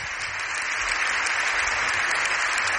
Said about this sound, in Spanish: Doncs acaba així el discurs allò 14 a la Cambra Baixa, al Congrés dels Diputats, això des de Madrid. Aplaudiments ara mateix de l'hemicicle.